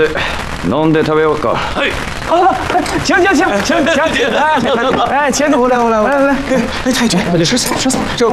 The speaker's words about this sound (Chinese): 这是邢队长给老太太祝寿燃放的鞭炮、烟花。